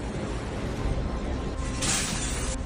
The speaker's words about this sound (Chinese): 紧接着，玻璃开始破碎，现场一片混乱逃生。